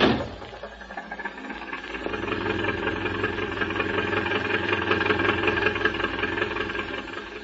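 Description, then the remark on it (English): A racing car's engine runs steadily as it is driven back to town, a continuous mid-pitched rumble with faint rattling vibration, holding an even level throughout with no voices. “And with Charco driving the counterfeiter's car, the sheriff guarding the prisoners, and Doc piloting Old True Love, it was only a few minutes until our adventurers were back at the house car.”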